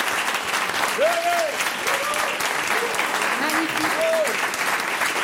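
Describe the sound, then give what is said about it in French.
An audience in a hall applauds steadily and densely for several seconds, honouring several guests present for their courage and daring: a continuous wash of clapping with a few voices calling out over it. “j'aimerais qu'on puisse les applaudir pour leur courage et leur audace.”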